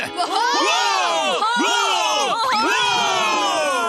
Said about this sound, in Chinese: 为海绵宝宝欢呼三声。